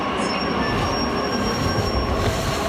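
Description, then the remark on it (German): A crowded train to Berlin rolls into a main railway station, where many people wait at the tracks, with a steady, loud rumble while its wheels give off a thin, high-pitched metallic squeal that holds throughout. No voices are heard. “Es standen viele Menschen an den Gleisen und auch der Zug nach Berlin war voller als voll.”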